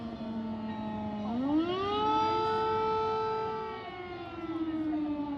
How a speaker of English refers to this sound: So, we just heard an air alarm, which means that all the babies are being taken to the basement for safety.